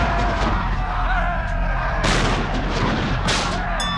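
Cannons on a ship at sea fire at attacking pirates, booming twice over a constant low rumble, each loud blast bursting out sharply and then rolling off, with a steady roar of battle noise filling the background throughout.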